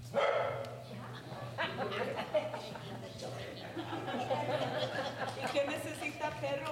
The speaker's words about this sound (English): On a very hot September day in 2023, the residents of East Arosi packed into a church for a meeting, joined by a stray dog who also happened to wander in.